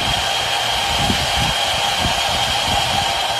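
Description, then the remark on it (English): Mine operation noise: a loud, unbroken mechanical whir like massed fans, with a steady high whine and a lower hum running through it, plus irregular low rumbling thumps underneath. No one speaks. “Here's what the mine sounds like.”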